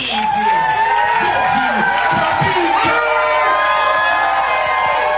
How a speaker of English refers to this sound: He was drawn in by the rowdy crowds at the slam poetry performances.